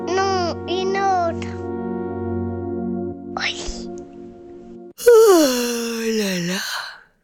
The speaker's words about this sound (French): Je bâille. Mes yeux piquent.